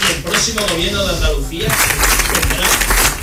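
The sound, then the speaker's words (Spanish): Vox politician Manuel Gavira's amplified voice speaks briefly in a speech celebrating Vox's election result in Andalucía, then a dense burst of applause from a crowd breaks in and drowns him out, staying loud and steady to the end. “Le está costando, como decía, dar su discurso porque no paran de interrumpirle los aplausos.”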